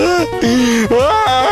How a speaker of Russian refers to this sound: Да ну что вы так плачете-то, а?